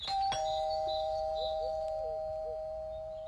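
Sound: doorbell ringing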